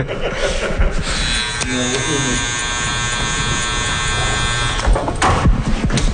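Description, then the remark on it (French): Electric hair clippers and a barber's scissors at work in a barbershop: the clippers buzz in a steady, high-pitched drone for a few seconds, with brief clicks and snips around it and faint voices in the background. “Un petit bruit de ciseaux, de coiffeur, barbier, sympathique.”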